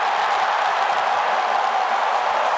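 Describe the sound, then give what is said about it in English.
A large stadium crowd roars loudly and continuously after Caden Cleary scores a goal for the Sydney Swans against Fremantle in the second term, a dense wall of cheering that holds steady throughout without any clear individual voices. “And the crowd roars again.”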